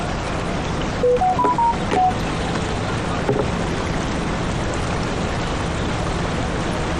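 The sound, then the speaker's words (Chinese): A quick run of five or six phone keypad beeps sounds early on as a phone number is dialed to place a call, then a steady rushing hiss fills the rest with no clear ringing tone. No one speaks. “不用理他，是他彩铃。”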